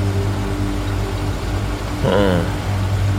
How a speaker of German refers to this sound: Oh, ein Streifenwagen.